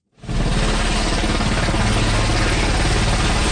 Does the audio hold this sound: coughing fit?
no